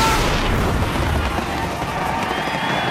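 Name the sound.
fireworks explosion boom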